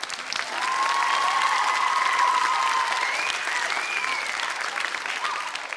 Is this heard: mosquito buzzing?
no